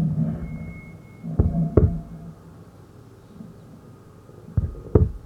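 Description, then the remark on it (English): A fast fetal heartbeat on a monitor: two pairs of soft, thumping pulses rise out of a steady low whooshing hum, with muffled quiet stretches between them and no voices. “It was only your small, the fast heartbeat.”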